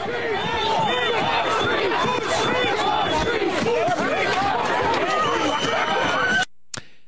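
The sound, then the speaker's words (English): A loud, dense crowd at a pro-Palestinian protest shouting and chanting together on the street, a steady roar of overlapping yells that runs for about six seconds before cutting off abruptly. “And we have great big pro-Palestinian anti-Semitic protests that sound scary and are scary.”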